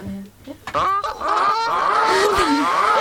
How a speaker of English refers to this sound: That is a goose squawk. Just because.